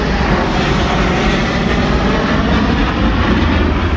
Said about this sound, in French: Ils sont quatre amis bien seuls sur la place Montaigne, à l'ombre, quand à 11h25, trois mirages surgissent dans leur dos.